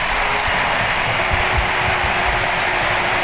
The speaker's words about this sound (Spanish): El momento del cambio de la reina, de Alexia Putellas, que se marcha en el partido número 500 con el primer equipo, el de sus amores, y este es el aplauso del Camp Nou para Alexia.